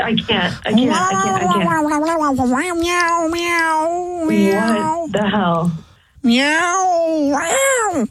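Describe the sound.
A human voice imitates a cat during a prank phone call, making long, wavering, loud meows in a nearly unbroken stretch, then a brief pause before another drawn-out, rising-and-falling meow.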